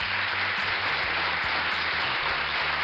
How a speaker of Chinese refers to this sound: 哎呀，在这儿我觉得真的是要给闪闪一个大大的掌声。